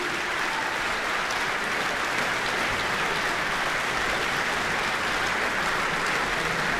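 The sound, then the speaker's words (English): A large orchestral concert audience in New Zealand applauds loudly and steadily as conductor Pietari Inkinen and the performers return for another bow, a dense wash of clapping that never lets up, with whistles and shouts mixed into the ovation. No one speaks. “For all those fans whistling and shouting.”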